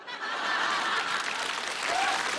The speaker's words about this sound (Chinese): 我看谁鼓掌的？别！这还落坏人手里了，你看。